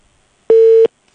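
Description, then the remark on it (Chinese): A single loud telephone busy-signal beep, a steady mid-pitched tone lasting about a third of a second, with silence before and after and no voices, as a phone call fails to connect. “他的电话也打不通啊，打不到”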